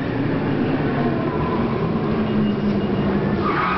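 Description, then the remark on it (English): A car brakes hard without anti-lock brakes, a loud, steady roar of road and tire noise holding for several seconds, with no voices. “Okay, let's try it again, this time with the anti-lock brakes.”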